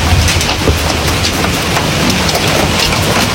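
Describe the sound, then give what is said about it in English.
Hail pounds down steadily in the north end of Regina, on 5th Avenue North, in a dense, loud clatter, countless sharp impacts blending into a continuous roar with sporadic harder knocks, and no voices. “She, in fact, shared a video of hail pounding down.”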